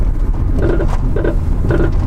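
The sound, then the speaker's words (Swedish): A rough, unhealthy-sounding car that would not pass EU roadworthiness approval: a steady low engine rumble, loud, with a squealing, grinding note that recurs about three times at uneven intervals. No voices. “Hör vi en bil som inte blir EU-godkänd.”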